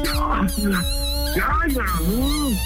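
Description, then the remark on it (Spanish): A small female dog lets out a few short, rising and falling howls and whiny barks over a steady background hum. “amor, ya ladra pues para que te bajes.”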